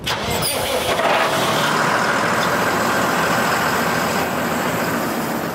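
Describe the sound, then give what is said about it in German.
The heavy diesel engine of a 12-tonne, thickly armoured tractor with a 3000-kilogram cabin, a specially equipped vehicle for a military training area with unexploded ordnance, turns over and settles into a steady, loud, rumbling run, its deep throb constant for several seconds with no voices. “Etwa diesen 12 Tonnen schweren Traktor. Er ist dick gepanzert, damit Blindgänger ihm und damit den Insassen nichts anhaben können.”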